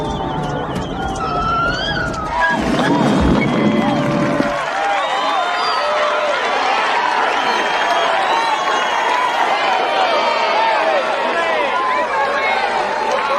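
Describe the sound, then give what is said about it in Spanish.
A large crowd at a marine park show breaks into sustained applause mixed with excited cheering and whistles as a whale is presented, loud and continuous after a brief burst of low rumbling at the start. “¡Un aplauso para Willy la Ballena!”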